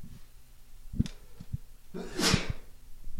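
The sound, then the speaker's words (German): One loud sneeze from a person holding two microphones bursts out after a few soft thumps and a short inhale, a sharp hissing blast that fades quickly. No talking. “jetzt muss ich erstmal niesen, Entschuldigung.”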